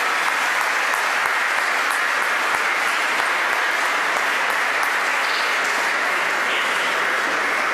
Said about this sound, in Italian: Applauso